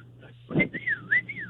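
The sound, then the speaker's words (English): A person imitates a summoning whistle, a short rising-and-falling call of a few swooping notes in quick succession, like summoning a dog, with a brief vocal sound just before. “he does this stupid little whistle in the middle of the store and expects me to answer him”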